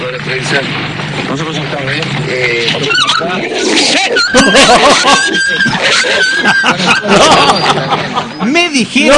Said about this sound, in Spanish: Llegaba al barrio Plan Lote, el barrio de Perón 2. Plan Lote de Perón 2. Se armó una trifulca de choco. De perros.